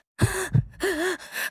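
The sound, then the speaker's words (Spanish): Agonal breathing from an unconscious man after chest compressions and a defibrillator shock: ragged gasping breaths, three or four in a row, each a harsh rasping inhale with a wavering strained voiced edge, separated by brief pauses. “Y él comenzó a hacer sonidos de respiración agónica.”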